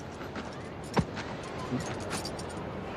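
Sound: keys jangling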